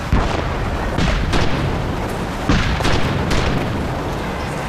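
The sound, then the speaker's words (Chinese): Heavy explosive blasts boom repeatedly, several deep thuds rolling over one another with rumbling low-end echoes and no voices present. “炮声啊，哎，炮声，炮声，他们肯定开干了。”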